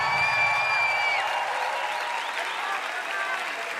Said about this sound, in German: Deswegen fetten Applaus für die Bergretter. Danke, da. Die Feuerwehrleute.